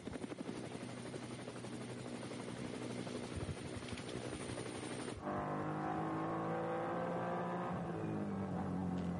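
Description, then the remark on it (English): Loud, continuous roar of race car engines on a racing circuit, shifting midway into a denser whine of several cars, including a BMW M3 Touring, revving and changing pitch as they pass by, picking their way through traffic. No one speaks. “And some more traffic as they pick their way through.”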